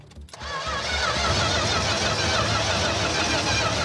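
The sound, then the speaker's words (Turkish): A car engine catches abruptly after a brief pause and roars loudly, revving under throttle with a wavering, rising and falling whine that holds steady to the end, as the car is started with the throttle pressed after its carbon buildup was cleaned. “Eğer araba çalışırsa bu işleri tamamen değiştirir. Ne zaman basayım? Gazla.”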